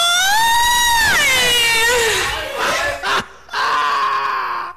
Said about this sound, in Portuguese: Depois de um grito desse, já chamando o menino da festa, o que vem essa festa aí?